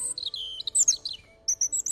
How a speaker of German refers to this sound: Sehr hochtönig, dann ist es ein Rotkehlchen.